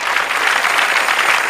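Steady, loud applause from a crowd, offered as applause for the Lord: a dense wash of many hands clapping at once with no pauses and no voices on top.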